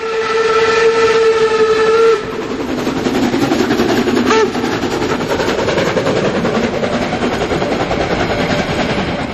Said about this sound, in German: Und hier stampft die Dampflok der HSB den Berg hinauf, kurz vorm Bahnhof 3 an den Hohne.